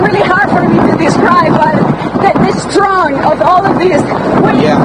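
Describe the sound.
Hurricane-force wind in Florida, with gusts reaching 170 km/h, batters the microphone in a constant loud, rumbling rush while a reporter talks live over it the whole time, their voice partly swamped by the gusts.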